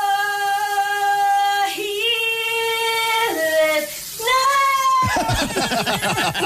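Someone sings sustained, wavering notes in the shower, then a loud rush of running shower water takes over for the last second or so.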